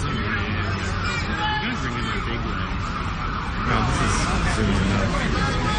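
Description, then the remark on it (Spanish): Ambulance sirens wail over a loud, chaotic mix of shouting and screaming voices and crowd noise in New York during the September 11 attack on the Twin Towers, continuous throughout and swelling slightly louder in the final seconds. “Ese sonido, esas ambulancias, esos gritos, esa confusión que había tal día como hoy, 11 de septiembre, en Estados Unidos, cuando se produjo ese atentado, ¿no?, a las Torres Gemelas.”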